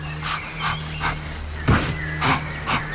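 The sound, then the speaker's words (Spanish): Rapid panting breath of an agitated salamander: six quick, breathy huffs in a steady rhythm, the fourth louder and rougher than the rest, over a constant low hum. “La salamandra iba muy agitada. Respiraba rápido.”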